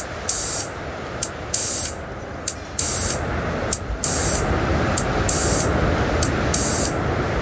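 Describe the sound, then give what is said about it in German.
A small synthesizer, being warmed up, hisses out steady filtered noise, with bright bursts of high-pitched static swelling and cutting off in an irregular rhythm over a constant rumbling wash. “Da werden wir den Filter rauschen.”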